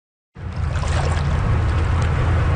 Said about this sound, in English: On a hot summer day in the Whitewater Rapids at Harvey Passage, that is the place to be.